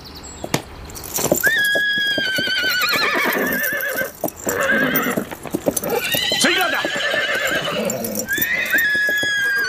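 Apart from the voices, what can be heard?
horse neighing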